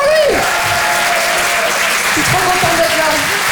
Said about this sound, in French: Applaudissez-le bien fort, les amis.